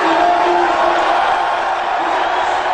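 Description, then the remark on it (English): A large crowd boos a man loudly and steadily, a dense, sustained wall of booing voices with low drawn-out tones running through it, with no pauses across the whole stretch. “I mean, definitely boos. Definitely booing him big time.”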